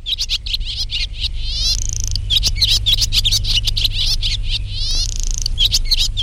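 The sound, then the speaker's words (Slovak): A busy chorus of sparrows chirping in a village, in rapid, overlapping bursts, fairly loud, with a steady low rumble in the background and no voices. “Ale keby sme nemali to vrabčie čvírikanie, alebo ako sa tomu ešte všelijako ináč hovorí, tak by bolo smutno na tej dedine.”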